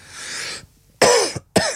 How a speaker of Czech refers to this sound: Pardon, je to dneska to asi s kašláním, to chvilkama bude.